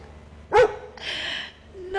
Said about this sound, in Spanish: despertaste hasta los perros, vos. Mirá, escuchá, escuchá, mirá. Mirá los perros ladrando.